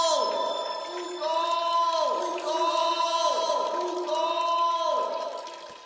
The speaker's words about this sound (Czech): Slyším vodu. Studánka. Místo, kde pramení řeka. Našel jsem pramen.